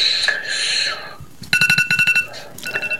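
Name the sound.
phone ringing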